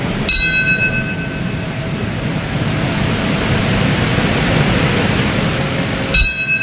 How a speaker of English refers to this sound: Bells rang during ceremonies across the U.S., marking the moments when the planes crashed into the World Trade Center, the Pentagon, in a field in Pennsylvania.